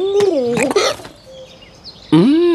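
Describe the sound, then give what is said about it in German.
A voice imitates a pigeon's cooing broken up by sharp hiccups: a few quick, wavering coos and gulps, a short quiet pause, then another loud hiccuping coo, clear. “Aus dem Beagle wird eine hixende Taube.”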